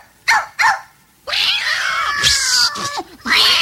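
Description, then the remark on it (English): Two short meows ring out, followed by a long, wavering yowl from cats about to get at a canary in a knocked-over cage, with rising and falling tones and a final drawn-out cry, loud with no talking. “The cage fell down, the door flew open, and those cats were just about to stick their paws in and get the canary when Lady heard the noise and came running in to see what it was.”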